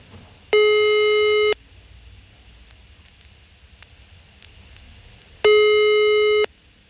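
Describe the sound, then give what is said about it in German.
A telephone ringback tone heard on an outgoing call to somewhere in the district of Coesfeld: two steady one-second tones spaced about five seconds apart, clear and prominent over a faint low rumble, with no one speaking. “So, irgendwo im Kreis Coesfeld klingelt das Telefon.”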